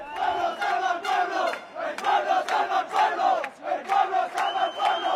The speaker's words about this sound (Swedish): Fascister, bort från våra gator, bort från vår stad, skanderade en grupp människor som samlades på Plaza de los Reyes, där ytterhögerpolitikern Alvise Perez hade fått tillstånd att hålla ett anförande på lördagskvällen.